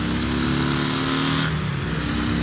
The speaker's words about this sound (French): Bon, maintenant, et ce morceau-là, son moteur de drague, on va voir un peu ce qu'il a dans le ventre.